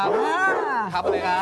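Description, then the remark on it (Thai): A pit bull kept as a pet in a home barks in drawn-out, pitch-bending calls that rise and fall, while a man talks over and between them. “นี่เป็นเจ้าของเสียงเมื่อกี้ใช่ไหมครับเนี่ย ครับผม ครับดุไหมครับเนี่ยจับได้ไหมฮะ จับได้ครับ”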